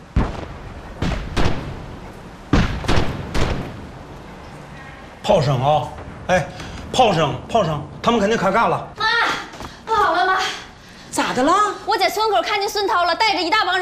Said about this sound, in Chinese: 炮声啊！哎， 炮声，他们肯定开干了。